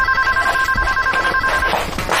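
A telephone rings steadily with a bright, sustained electronic tone, fairly loud, against a busy background of room noise; no one speaks.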